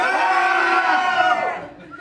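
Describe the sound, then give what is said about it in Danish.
About ten people at a place with the FC Nordsjælland logo chattering and calling out together, a loud, dense wash of overlapping voices with some raised, cheer-like shouts, fading slightly toward the end. “Det stod lidt træt stille til i starten, men som du måske kan høre i baggrunden, så er der jo nogle mennesker.”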